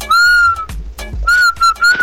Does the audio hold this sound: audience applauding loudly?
no